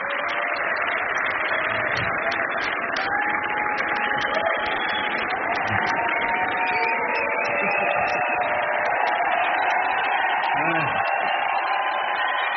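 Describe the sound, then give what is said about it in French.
A concert audience at the Jazz à Vienne festival applauds and cheers in a dense, steady wash of clapping and voices that holds at an even loudness from start to finish. “Oui, le public est conquis.”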